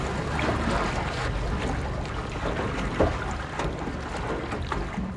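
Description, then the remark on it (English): A research boat out on the open water of Utah Lake, a steady low rumble mixed with sloshing water and wind noise, fairly loud throughout, with a few brief knocks and splashes and no talking. “He graciously took us out on Utah Lake in his research boat as we were first dipping our toes into this whole matter.”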